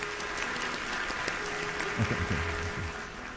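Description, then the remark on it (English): A crowd, asked to clap a medium clap, claps at a moderate, steady level, a dense patter of many hands with no words spoken, holding fairly even throughout with a slight swell midway. “Okay, I want you to clap a medium clap.”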